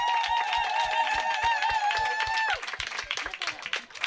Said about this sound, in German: Also nochmal einen Applaus an die Blutgrätchen. Bravo, Blutgrätchen!